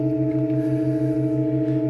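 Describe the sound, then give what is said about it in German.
A newly inserted organ pipe sounds the note A as one steady, sustained tone, rich in overtones, with a gentle pulsing beat. It holds unbroken for two seconds at moderate loudness, with no voices. “Jetzt wird die Pfeife eingesetzt. Jetzt müsste man es gleich hören.”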